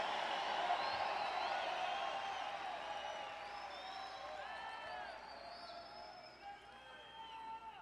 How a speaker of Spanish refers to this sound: Me gusta ese aleluya, ese grito.